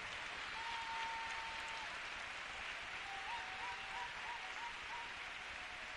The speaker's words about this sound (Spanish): Dele un aplauso al que vive. Bien fuerte, bien fuerte. Que se escuche que hay un pueblo que viene a alabar a Dios. ¡Ay, se siente! Bien fuerte ese aplauso.